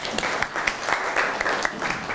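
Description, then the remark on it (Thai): Students in a class clap for themselves after a group presentation, steady, overlapping applause with many hands sounding at once in a dense, even patter that holds at a moderate level throughout. “ความตื่นเต้นอ่ะนั่งลงได้ครับปรบมือให้ตัวเอง”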